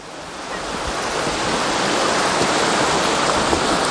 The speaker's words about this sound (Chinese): 李白在百丈瀑布这首诗里他就提到，百丈锁崖裂，你看很壮观，这瀑布啊从天而降，好像是百丈锁崖裂。